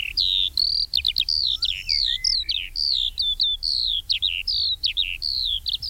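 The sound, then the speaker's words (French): A Eurasian skylark sings a continuous, rapid stream of high warbling trills and chirps, loud, over a faint low rumble of wind or background noise. “L'alouette des champs, j'ai les chiffres pas loin, on est sur moins 32% sur les 30 dernières années.”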